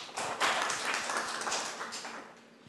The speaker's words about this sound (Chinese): 好，以热烈的掌声欢迎。